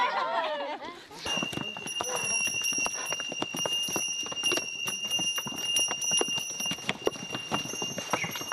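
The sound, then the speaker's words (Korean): A string of pack donkeys carrying heavy loads clatters past on a mountain trail, many hooves clopping in a dense, uneven rhythm over a steady high bell tone, with a brief voice at the very start. “무거운 짐을 싣고 가는 당나귀 무리에게 길을 양보합니다.”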